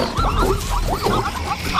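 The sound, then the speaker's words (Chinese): A zebra in a herd gives a loud alarm call as a lioness stalks the herd, a quick run of sharp, yelping barks with rising and falling pitch, repeated several times over a low rumbling background. “一只斑马发出警报”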